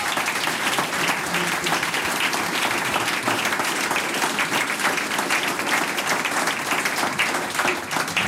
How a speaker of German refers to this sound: Danke unserem Team, das ist euer Applaus.